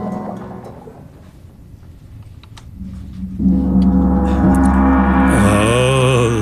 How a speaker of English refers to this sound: The sound of the gong. Yeah. That is so nice.